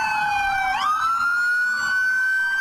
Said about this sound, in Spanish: Las protestas y en esta oportunidad de los tripulantes de ambulancia que llegaron hasta Medical, este centro asistencial en la localidad de Kennedy, hicieron una pitazón y además prendieron las alarmas porque dicen ellos que están en riesgo